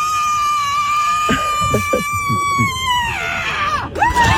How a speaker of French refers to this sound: Ils ont mesuré cela la puissance de leur cri. La gagnante, je vais vous faire écouter, ne bougez pas, a hurlé à 121 décibels, soit autant qu'un marteau-piqueur. Oh, tendez bien l'oreille, c'était ça.